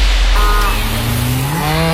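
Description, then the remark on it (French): A dairy cow lets out one long, low moo that rises slightly in pitch, fairly loud over a steady background hiss, with no one speaking. “Ça, c'est un bruit qu'on connaît bien chez Alsace-Lait. Une vache, oui, qui donne du bon lait de pâturage d'Alsace”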